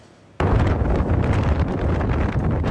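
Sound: strong gusting wind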